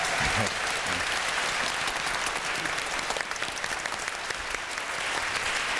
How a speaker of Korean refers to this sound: 오늘 연주를 무사히 마칠 수 있었는데, 여러분들 즐거우셨다면 박수 한 번 더 보내주시길 바랍니다.